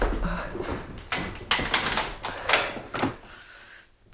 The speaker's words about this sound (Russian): Ну, на всякий случай я закрою дверь.